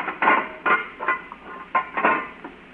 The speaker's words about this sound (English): Now, we go through this little steel door.